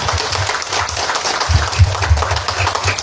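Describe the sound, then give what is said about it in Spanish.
A crowd in San Estanislao applauds steadily for municipal mayor Agustín Obando Espínola before he speaks, a dense, loud wash of many hands clapping at once, with a few heavier low thumps rising out of it partway through. “Fuertes los aplausos.”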